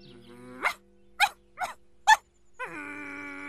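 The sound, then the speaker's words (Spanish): A dog lets out four sharp, separate barks in a quick uneven rhythm, with a low growling tone under them and a whining, rising growl before and after. “¡Oh, ese perro!”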